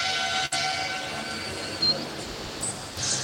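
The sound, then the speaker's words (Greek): A basketball scorer's table horn blares repeatedly in a sustained tone over the dense roar of a large arena crowd in Belgrade, in the final minutes of a game involving Aris at 83-82, with no clear speech. “Η κόρα της γραμματείας ακούγεται.”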